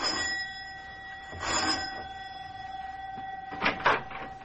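A doorbell at the professor's house is pressed, buzzing with a steady, reedy electric tone that holds for several seconds, broken by a few brief rattling bursts partway through and near the end. No one speaks.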